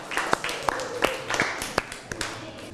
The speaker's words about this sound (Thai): ถ้าพร้อมแล้วขอเสียงปรบมือให้ตัวแทนนักเรียนหน่อยค่ะ